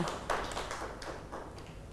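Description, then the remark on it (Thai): Children in a class clap their hands at the teacher's prompt for a classmate's answer. The claps are a loose, uneven patter of sharp claps spread over a couple of seconds, moderately quiet, with no one speaking. “ร่มเก่งมากค่ะเด็กๆปรบมือให้”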